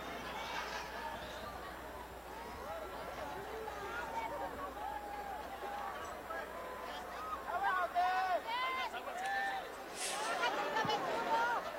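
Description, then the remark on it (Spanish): A large crowd at a night event in the Zócalo in Mexico shouts and cheers together, a dense roar of many raised voices that carries on steadily and swells louder toward the end. “Ese grito a la gente, que la gente que viene desde abajo, ese grito.”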